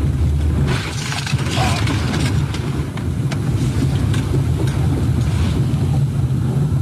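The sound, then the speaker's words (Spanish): Loud, steady roar of rushing floodwater sweeping away a man in a white utility pickup truck, continuous, with a deep rumble underneath and scattered knocks and clatters riding on the torrent; no one speaks. “Lo que podemos ver es cómo el agua va llevándolo con su camioneta de color blanco, solamente para reiterar cómo la fuerza con la que bajó el agua en esa zona, incluso se logra ver otro vehículo a un costado del suyo que va bajando a rápida velocidad”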